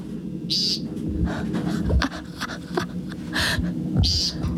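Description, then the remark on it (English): An American woodcock gives a few short, buzzy, nasal calls, about three spaced seconds apart, over a steady outdoor hum with faint low rustling. “The American woodcock.”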